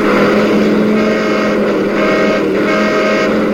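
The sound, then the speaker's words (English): Loud, steady roar of car traffic, engines droning continuously with no pauses, a dense wash of motor noise filling the whole stretch. “Yeah, we had to practice dodging traffic.”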